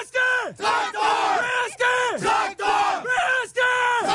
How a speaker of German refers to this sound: Wir haben als Tradition den Traktor im Herzen und im Logo. Das stammt aus der Historie der Betriebssportgemeinschaft Traktor Protzel. Und die Spieler rufen es als Schlachtruf vor Beginn des Spiels.